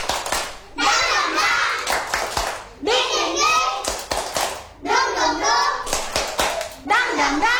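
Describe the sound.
Children chant a rhythmic 'tepuk semangat' clapping song at TK Anugrah kindergarten, in bursts, their high voices rising and falling while sharp hand claps punctuate the beat, loud and lively throughout.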